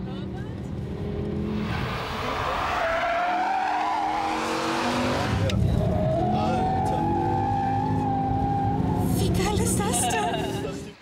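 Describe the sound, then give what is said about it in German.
Racing cars roar continuously around the Nordschleife of the Nürburgring, engines rising and falling in pitch, with loud squealing tires sliding through corners for the full stretch before the noise fades at the end. “Auf dem Nürburgring fahren seit Jahrzehnten ehemalige Profirennfahrer, wagemutige Touristen über die Nordschleife.”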